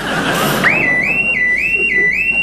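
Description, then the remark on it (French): After a short rush of noise, a loud, shrill electronic security alarm, one the speaker had set, starts up, its high tone swooping upward again and again in a steady, rapid cycle. “Merde, l'alarme.”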